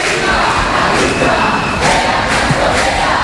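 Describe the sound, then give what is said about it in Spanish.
A large protest crowd on Calle San Jerónimo, heading to the Congreso de los Diputados, shouts "Viva la clase obrera" with raised fists at two cleaning women looking out from a house, in a loud, continuous roar with several swelling bursts of collective yelling. “Mira, veo como dos señoras de la limpieza se han asomado a una de las casas y todos les gritan con los puños en alto. Viva la clase obrera.”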